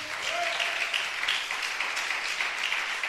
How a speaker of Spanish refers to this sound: Denle ese aplauso al Señor, pues.